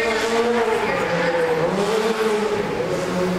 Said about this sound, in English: Guys, can we get the hero car to set, please? Hero car to set.